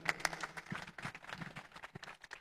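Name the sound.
audience applause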